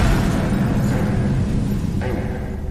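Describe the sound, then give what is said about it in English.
A loud package bomb explosion rumbles heavily, its deep roar rolling on for a couple of seconds and only slowly fading. No one speaks. “I believe William Jarvis waited around in the neighborhood till he heard the explosion.”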